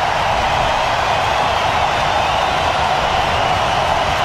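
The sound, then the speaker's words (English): A hockey arena crowd in Colorado, at an Avalanche game against the Wild, roars loudly and steadily for several seconds during an icing call, a dense, unbroken wash of noise with no clear individual voices or pauses. “And listen to the crowd again.”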